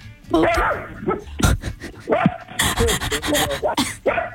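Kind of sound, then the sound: animal, miniature dachshund barking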